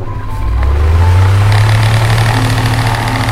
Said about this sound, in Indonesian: Dengan ditemani suara kipas, berdesir, berputar, berulang, seolah menghitung detik yang terasa lebih lambat dari biasanya.